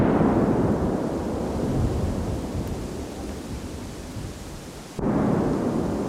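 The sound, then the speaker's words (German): A deep, continuous rumble of five large detonations from a controlled blasting in a wooded area in Borgsdorf, around 11:45, rolls on for several seconds, loud and low, with a brief dip before the roar surges back; the ground vibrates. No voices are heard. “Es knallt, der Boden vibriert. 5 große Einzeldetonationen sind direkt nacheinander hör- und spürbar.”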